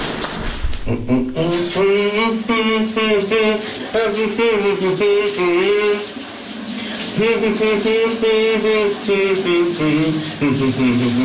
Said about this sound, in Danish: Det lyder, som om han børster tænder. Kunne du gætte, hvad det var for en? Det er et kæmpe hit fra 84.